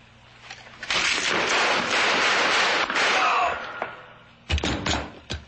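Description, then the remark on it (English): A long rushing hiss fades out, followed by two sharp, loud gunshot bangs about a second apart, each cracking through with a heavy low thump, as a man is shot. “I just shot a man.”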